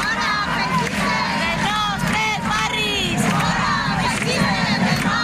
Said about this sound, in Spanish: Son los gritos de un grupo de 200 personas de ideología antifascista que ha rodeado la acampada como respuesta a la convocatoria por un grupo de ultraderecha de una concentración en contra de esa acampada.